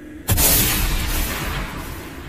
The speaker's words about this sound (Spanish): Con un solo disparo de la escopeta de su padre, se aseguró de que los cuatro dejaran este mundo al mismo tiempo.